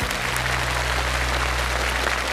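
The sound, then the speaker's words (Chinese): An audience claps steadily for a couple of seconds after a demonstration of a 3D body-tracking table tennis video game, a dense, even wash of many hands with a low steady hum underneath and no voices. “好，来，掌声给他一下。”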